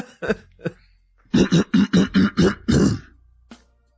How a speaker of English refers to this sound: Let me clear my throat.